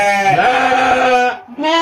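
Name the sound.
goat bleating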